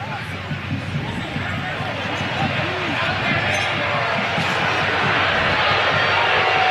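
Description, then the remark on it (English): A large stadium crowd jeers in a loud, continuous roar at a football game between Edmonton and BC after an offside call, with overlapping shouted voices rising and falling and the din swelling slightly toward the end. “And the crowd here giving it to”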